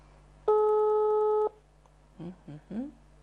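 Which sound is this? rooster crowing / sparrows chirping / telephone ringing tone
telephone ringing tone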